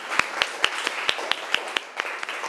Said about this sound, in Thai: ขอเสียงปรบมือให้เพื่อนของเราหน่อยนะคะ